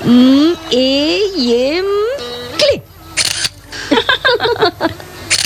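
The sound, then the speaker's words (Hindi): A camera shutter clicks repeatedly as photos are taken of birds perched on dry trees in the middle of Periyar Lake: a quick burst of sharp mechanical snaps in a fast, uneven rhythm, following a few seconds of wavering, sing-song vocal sound. “हाँ अच्छा सुनो, जरा मुझे अपना कैमरा देना।”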